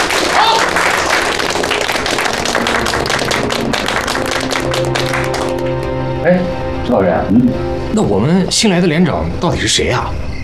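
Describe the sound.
Comrades break into steady, dense applause for their deputy squad leader, many hands clapping loudly for about six seconds before it fades and several voices start talking and calling out.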